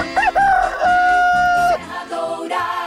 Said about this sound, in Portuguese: canta galo! Galo cantou, a hora chegou, são 4h28.